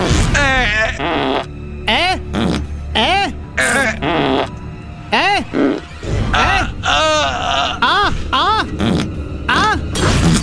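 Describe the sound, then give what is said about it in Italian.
Loud raspberries blown again and again in quick succession, buzzy sputtering bursts mixed with rising and falling vocal groans, filling about ten seconds without a break. “La pernacchia?”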